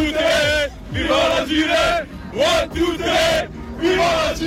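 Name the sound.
football fans chanting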